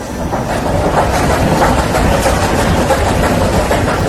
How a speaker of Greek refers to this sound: Προσπαθώ να καταλάβω το απορριμματοφόρο την ώρα που μαζεύει τα σκουπίδια και αρχίζει και τα αλέθη μέσα του. Μπράβο, ναι. Νομίζω ότι είναι αυτός ο ήχος.